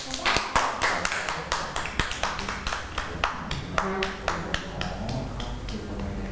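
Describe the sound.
A group of children clapping for a classmate at the teacher's request, a quick irregular run of sharp claps spread across several seconds, with faint background voices underneath.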